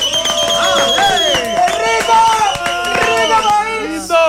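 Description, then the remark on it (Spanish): An audience claps and cheers as two music artists are welcomed, sharp hand claps scattered beneath rising and falling whoops and shouts from many voices, loud and continuous for a few seconds. “Y quiero que reciban con un fuerte aplauso”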